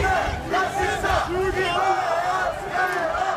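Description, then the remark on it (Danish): Demonstrators calling themselves the Danish people shout in a loud, continuous crowd roar at a march against what organizers call the Islamization of Denmark, on Østerbro in Copenhagen on the official flag day for deployed soldiers and veterans. Many voices yell and chant over one another with rising and falling bursts throughout. “Kan man høre, hvordan der bliver råbt af de demonstranter, der kalder sig det danske folk?”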